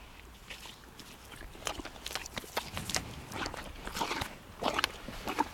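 Wet crunching as a 39-year-old horse chews apple pieces, a steady run of irregular bites and grinding crackles lasting several seconds with no one speaking.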